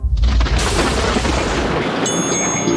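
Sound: thunder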